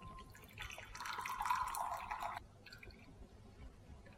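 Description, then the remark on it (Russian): A short stream of boiling water poured over flax seeds in a container, two glasses of water for one dessert spoon of seeds, a steady splashing gush lasting about two seconds before stopping, followed by faint trickles and quiet room sound. No one speaks. “И вот это вот количество мы заливаем двумя стаканами воды, кипятка.”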